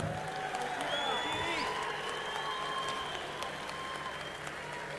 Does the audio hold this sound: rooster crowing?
no